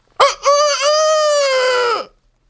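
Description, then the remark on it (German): A person imitates a rooster's crow: one loud call with a short opening note, then a long sustained cry that droops at the end, with no other sounds around it. “Kräht ein Hahn nicht immer dreimal?”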